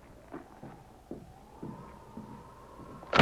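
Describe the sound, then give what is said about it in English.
A sudden loud crack bursts in right at the end as a sergeant flings open the door of a cabin, after a few soft, scattered knocks and a faint, steady hum. “The sergeant threw open the door of the cabin.”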